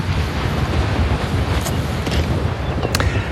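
A strong gust of wind buffets the microphone, a loud, continuous rumbling roar that holds steady throughout with no voices.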